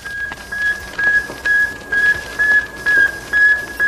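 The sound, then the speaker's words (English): A satellite signal from orbit, 560 miles above the Earth: a steady, evenly spaced train of short, high-pitched electronic beeps, about two per second, over a faint hiss, with no voices. “Then the antennas shoot forth, and like the cry of a newborn babe, a tiny voice is heard from the vastness of space, 560 miles above the Earth.”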